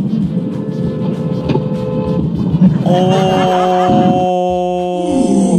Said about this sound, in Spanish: Oye, pero esa bocina, esperemos que no haya pasado nada